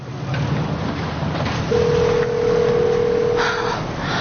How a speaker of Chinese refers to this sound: 你能不能接个电话？